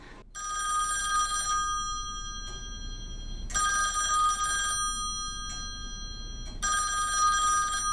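A telephone rings in three long, steady bursts separated by short pauses, clear and fairly loud with no voices, as a phone call is being placed and waits to be picked up.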